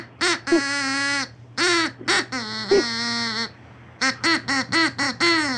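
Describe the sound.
A voice imitates a duck, singing a short snippet of a song in nasal quacking syllables: a few long held notes, then a quick run of clipped ones, loud over a faint steady hum.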